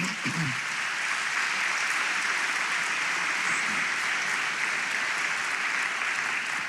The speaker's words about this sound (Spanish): ¿Cuántos le podemos dar una ofrenda de palmas al Señor?